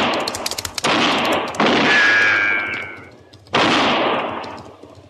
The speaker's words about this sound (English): That's fine shooting, just fine.